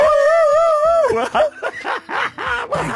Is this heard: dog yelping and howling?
yes